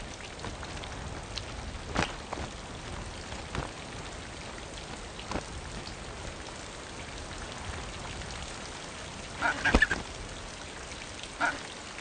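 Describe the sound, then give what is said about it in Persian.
Steady cold rain pours down in a dense, hissing wash, with occasional louder drips and splashes standing out, and a few faint bird calls near the end. “چوچه هایی که هنوز پر ندارند و نمی توانند حرارت بدن خود را تنظیم کنند، این باران برایشان کشنده است.”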